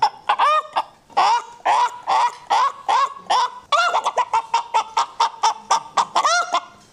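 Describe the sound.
A voice imitates a countryside hen cackling while laying an egg: loud, nasal clucks in a steady stream that turn quicker and more clipped partway through, with no talking over them.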